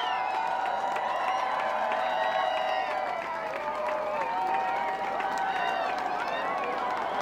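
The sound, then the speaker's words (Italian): A huge crowd of thousands watching a total solar eclipse, at a site chosen by the European Space Agency, cheers and shouts continuously, a dense roar of many voices with scattered whoops and clapping rising and falling throughout, loud and sustained with no pause. “Vi faccio sentire la folla.”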